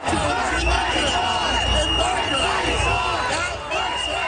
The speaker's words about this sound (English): So they're yelling, "Worth fighting for." They chanted the entire time Premier Doug Ford was on stage, really drowned him out.